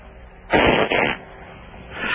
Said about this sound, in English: You got a fart?